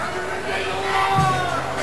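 A large stadium crowd murmurs and chatters restlessly during a long timeout in a game, with head coaches on the field, a dense, steady wash of overlapping voices with no single speaker standing out, holding an even loudness throughout.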